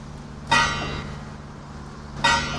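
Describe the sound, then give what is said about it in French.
The church bells of the Saint-Martin church in Vérac toll twice, about a second and a half apart. Each bright, clanging strike rings out and slowly fades over a steady low hum, with no voices. “Vérac, où les cloches de l'église Saint-Martin nous accueillent.”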